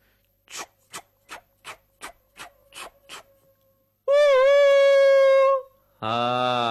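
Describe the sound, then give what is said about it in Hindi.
A train sound effect in a children's programme: a train chugs with about eight steady, rhythmic hissing puffs, then a loud, high whistle blows for over a second, followed by a lower, buzzy horn blast. No one speaks. “हाँ, पहचान गए ना? रेलगाड़ी में होता है एक बड़ा सा इंजन और उसमें जुड़े होते हैं बहुत सारे डब्बे, तभी तो बहुत सारे लोग रेलगाड़ी में बैठकर आते और जाते हैं।”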